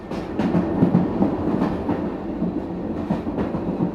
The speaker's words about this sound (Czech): Pan Blore jel osobním vlakem z Plymouthu.